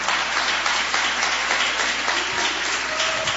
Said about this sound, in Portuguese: Pode bater as palmas que glorificam o nome de Cristo.